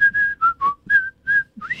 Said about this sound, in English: I'm not a great whistler, but I'm sure you can do better.